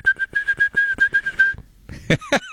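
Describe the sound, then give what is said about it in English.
Someone whistles an imitation of a songbird: a quick, even string of about a dozen short notes on one steady pitch, then a brief pause and a few sharper, louder chirps. “I mean, technically, the yellow warbler doesn't go tweet, tweet, tweet either.”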